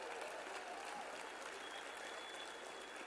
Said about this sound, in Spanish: Aplauso fuerte a nuestro querido Epigmen.